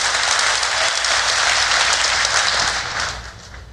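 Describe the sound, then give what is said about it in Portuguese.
An audience applauds together for the Lord, a dense, steady wash of many hands clapping loudly that holds for a few seconds, then begins to taper off toward the end. “Pode dar uma melhor salva de palmas a Ele, ao Senhor.”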